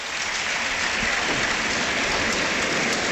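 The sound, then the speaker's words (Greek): Panathinaikos fans in a stadium applaud an injured player as he leaves the match. A dense wash of clapping fills the space at a consistent, fairly loud level for a few seconds, with no clear voices standing out. “Και πάλι ο κόσμος του Παναθηναϊκού το χειροκροτεί.”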